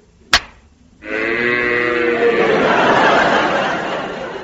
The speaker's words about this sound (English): bring those cows up.